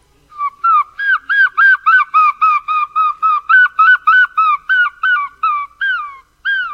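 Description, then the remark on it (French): A person imitates a herring gull, giving a loud series of about seventeen rapid, yelping, nasal calls in a steady rhythm. No one speaks. “Alors, moi, le premier oiseau, c'était le goéland argenté, celui-là.”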